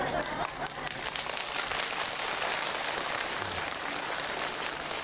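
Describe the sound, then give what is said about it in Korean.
A crowd claps steadily, a dense, even crackle of many hands that holds at a constant loudness for about five seconds with no voices over it. “박수 치는 게 중요한 게 아니지.”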